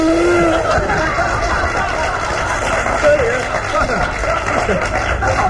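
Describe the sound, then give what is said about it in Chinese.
A voice imitates a long fart: a loud, sustained buzzing rasp that runs for several seconds with a slightly wavering pitch. “费这么大劲就是放屁呀、啊， 在后边呢。”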